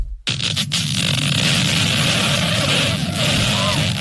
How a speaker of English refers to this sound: One man's butt has just made a brand new world record. Guinness Book of World Record actually has a record for this. He beat the world's longest fart. Impressive. Ew. Single fart, and his lasted for 40 seconds.